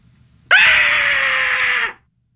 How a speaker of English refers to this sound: That was scary. See? Oh, she's screaming. Yeah, I know, but it sounds like she's really scared. Yeah, she's a good actor.